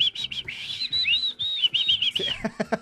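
A person whistles with their mouth, a steady high warbling tone that slides up and down in pitch, breaking into a few short choppy notes at the end.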